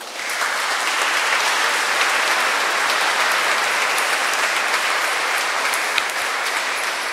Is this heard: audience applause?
yes